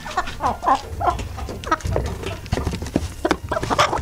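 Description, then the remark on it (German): A hen clucks repeatedly in short, bright bursts, with a busy barnyard murmur and scratching noises underneath; it is one of three hens heard so listeners can guess which one has won a prize. “Okay. Klingt wie so ein Huhn.”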